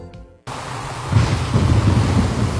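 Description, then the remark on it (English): A brief tone cuts off abruptly, then steady rain hisses loudly while low, rolling thunder rumbles in and swells, continuing through to the end with no voices. “Rain and strong winds have caused serious roof damage in our area.”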